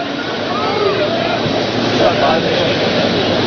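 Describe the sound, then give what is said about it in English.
A long freight train with many cars rolls past a baseball ballpark in Texas during a game, with a loud, steady rumbling roar that holds without a break for the full few seconds, with no horn or distinct clanks standing out. “Yeah, everything's bigger in Texas, and also the trains that go on by us have a lot of cars, a lot.”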